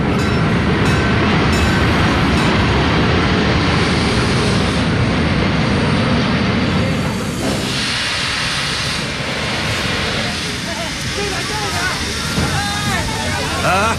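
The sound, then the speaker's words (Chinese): A loud, steady rumble of a passenger train from Wuhan rolling into a station in Beijing, with faint crowd murmur underneath and high, wavering brake squeals rising toward the end as it slows. “武汉到北京就这一趟火车，他一下车咱们就实施逮捕。”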